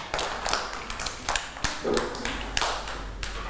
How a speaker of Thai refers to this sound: รู้สึกมีความสุขเก่งมากๆเลยค่ะเด็กๆปรบมือให้